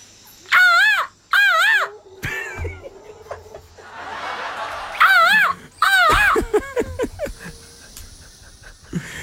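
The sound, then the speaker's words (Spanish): A person imitates a bird call with loud, warbling, squawk-like cries in two pairs of bursts, separated by a breathy rasping stretch, followed by scattered laughter and chatter. “En su idioma pajaresco.”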